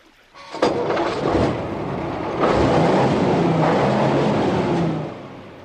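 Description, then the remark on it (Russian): A vehicle's engine cranks and catches with a sharp burst, then settles into a loud, steady roar that swells midway and keeps running before fading slightly at the end, as the vehicle is started to climb out of a pit. No voices are heard. “Машина заводится легко, охотно, словно давно уже истосковалась по работе, соскучилась по Ванюшкиным рукам и ногам.”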